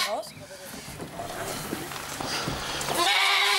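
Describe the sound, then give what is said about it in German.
A billy goat named Emil bleats as he is taken away to a new home, a short wavering cry at the start and a louder, drawn-out bleat at the end, over a steady hiss of background noise. “Der Abschied scheint zumindest dem Ziegenbock schwer zu fallen.”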